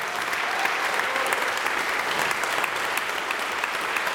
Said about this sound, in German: Auch er ist noch nicht lange hier. Großen Applaus dafür.